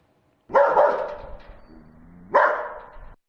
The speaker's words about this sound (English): Oh, you know that, right? It's a dog.